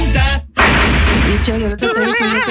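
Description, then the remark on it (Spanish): A loud, dense burst of rapid gunfire lasting about a second, framed by a raised voice shouting just before and after it. “Y vos meteme todas las balas que querés.”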